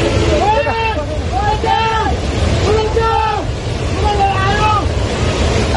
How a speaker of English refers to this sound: Video footage provided by eyewitnesses shows floodwaters destroying bridges and buildings along the course of the Trishuli River. Surveillance cameras capture the moment floodwaters engulf the 4-story Jirongport building, located on the Tibetan side